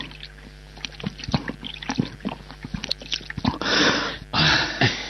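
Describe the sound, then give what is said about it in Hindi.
Wet swallowing and gulping as someone drinks water quickly, a rapid series of small throaty clicks, followed by two breathy, rushing bursts of air near the end. “इतनी प्यास लगी है, जरा पानी पिलाओ, गला सूख रहा है।”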